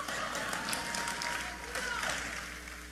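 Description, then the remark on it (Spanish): A modest, scattered round of audience applause: a steady patter of many hands clapping at a fairly low, even level for about three seconds, thin rather than enthusiastic. “Uy, qué poco aplauso.”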